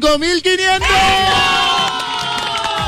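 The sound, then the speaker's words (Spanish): A loud crowd erupts in sustained cheering and shouting, acclaiming someone, with high excited voices and whoops layered over a steady roar that holds for about three seconds. “La gente lo aclama, caballo.”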